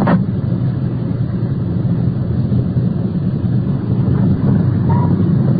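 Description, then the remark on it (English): A car drives slowly into the circular driveway of a bar, its engine a steady low rumble with faint road and wind noise throughout and no talking. “Swinging into the circular driveway of the bar.”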